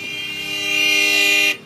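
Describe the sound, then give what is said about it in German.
A loud, sustained car horn blares steadily for over a second in traffic in New Delhi, India, its harmonic tone holding flat before cutting off abruptly, with faint traffic rumble underneath. “Und was hilft dann? Genau, lauteres Hupen.”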